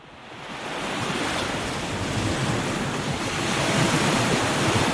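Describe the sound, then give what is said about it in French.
Steady roar of ocean surf rolling onto the beach at Carnon, on the Hérault coast near Montpellier, France, on an afternoon, a broad continuous wash of breaking waves that swells slightly louder toward the end, with no voices. “Vous entendez le bruit des vagues?”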